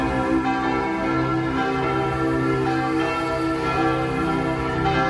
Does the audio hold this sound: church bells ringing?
yes